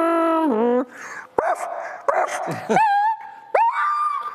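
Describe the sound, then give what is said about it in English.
A human voice mimics a car hitting a dog as a party trick: a rising, screeching tone, then sharp yelps and pained, whining whimpers. It is loud, with no other talking. “Car hitting dog.”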